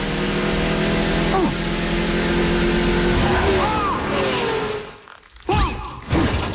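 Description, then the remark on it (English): An animated race car from the film Cars: its engine roars and whines, pitch swooping up and down as it swerves right into a cactus field, then cuts out abruptly before a couple of heavy crashing thuds. “Right into the cactus field.”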